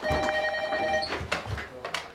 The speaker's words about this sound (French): Putain, c'est à toi de répondre, non? De quoi? Tu peux répondre. Ah ouais, au téléphone.